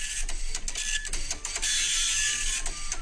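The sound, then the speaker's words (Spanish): A dot matrix printer prints continuously, its rapid buzzing, rasping print head chattering in short repeated bursts, fairly loud with no voices. “¿Un fax? Una impresora matiz de punta. Fíjate, sí, mira, aquí Miguel Ángel tiene la respuesta correcta.”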